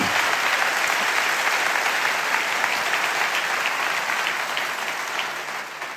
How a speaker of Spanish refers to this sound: Ah, dale a Jesús ese aplauso, porque es maravilloso.